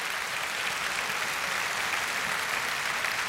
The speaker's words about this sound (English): So let's just give everybody a hand clap of praise.